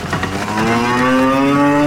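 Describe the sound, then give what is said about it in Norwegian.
A single drawn-out cow moo, low and loud, its pitch sliding gradually upward as it carries on for a couple of seconds with no talking over it, from cows of farmer Ole Petter Melhus being let out onto grass after a long winter in the barn on his farm in Bardu, Troms, Norway. “For etter en lang vinter inn I fjøsen, kan kyren til bardubonden Ole Petter Melhus kjenne frisk gress under føttene igjen.”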